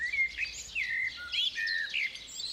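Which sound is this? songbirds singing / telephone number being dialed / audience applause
songbirds singing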